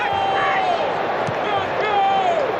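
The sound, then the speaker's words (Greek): Raised voices in Flemish from the Belgium team bench at a football match against Senegal call out over a steady wash of crowd noise, with a few sustained shouted syllables rising and falling in pitch. “Φωνές που ακούτε έρχονται από τον πάγκο του Βελγίου.”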